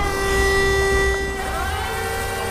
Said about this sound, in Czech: z firmy Brink Auto mi ukazuje, jak se vepředu na autě roztáčí dva kotoučové kartáče, které čistí podlahu. Celé elektrické uklízecí auto je velké asi jako menší dodávka. Je vybavená samoovládacím systémem.